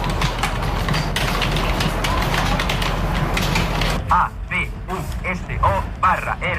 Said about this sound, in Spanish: Su objetivo es alcanzar al cierre de su formación las 200 pulsaciones por minuto, algo comparable a rellenar un folio en 5 minutos. Así suena un aula de mecanografía.